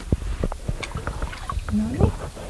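River water from the Uskela River (Uskelajoki), running unusually low, being scooped into a glass jar as a sample: splashy sloshes and clinks, then a brief rising gurgle as the jar fills, over a low watery rumble.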